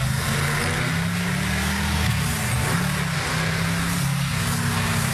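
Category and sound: vehicle, car engine revving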